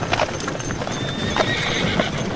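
Horse hooves clop in a steady rhythm while a horse neighs with a rising, tonal whinny partway through, over a noisy outdoor background.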